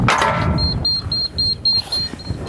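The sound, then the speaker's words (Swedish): An electric door lock in Eidsvoll releasing after a button is pressed, unlocked when the person is seen leaving: a quick run of about seven short, high-pitched beeps in a steady rhythm over a low background rumble after a brief initial clunk. “Det kan hända klickar i dörren om de ser att du går, så är det bara att dra.”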